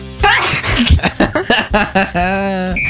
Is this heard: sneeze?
yes